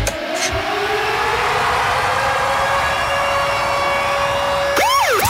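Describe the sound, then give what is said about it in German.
The Virgin Radio Konzertsummer contest alarm, a loud, steady siren wail with a rising tone, holds one pitch for several seconds. It then breaks into rapid sweeping up-and-down yelps at the end, over a constant roar, with no voices. It signals listeners to phone in to win concert tickets. “Eben, wenn ihr den Konzertsummer-Alarm, ist so ein Scheisswort, sorry, Alarm gehört, dann läutet ihr an”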